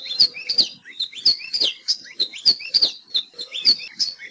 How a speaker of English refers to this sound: Nowadays, the best place to see Aloha Hio and hear their warbling song is at Hosmer's Grove at Haleakala National Park and also Polipoli State Park.